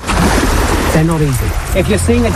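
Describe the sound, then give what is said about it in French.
Steady splashing and churning of sea water fills the scene without a break as about ten waist-deep swimmers shake a tarp carrying an inflatable dolphin in rhythm with the waves during a marine-mammal rescue training, with people's voices talking and calling over the wash of the waves. “Une dizaine de nageurs, de l'eau jusqu'à la taille, agitent une bâche au rythme des vagues.”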